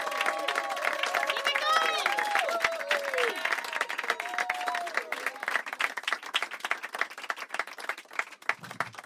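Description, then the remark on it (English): At a comedy club in Hickory Hills, an audience claps steadily for the full nine seconds as a comedian is welcomed to the stage, a dense, loud patter of many hands, with high whoops and whistling cheers rising over it in the first few seconds before the clapping carries on alone. “Keep it clapping until he gets here!”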